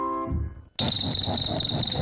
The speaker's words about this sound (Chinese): 小蟋蟀得意地摩擦起双翅，唱了起来。